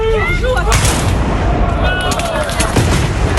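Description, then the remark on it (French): Loud, booming cannon fire at a historical battle reenactment, several sharp blasts and rumbling echoes, dense, while faint voices can be heard briefly at the start. “On va mettre le canon cette année, on va sortir le canon, ça fait beaucoup plus de bruit, et le canon va faire aussi son effet.”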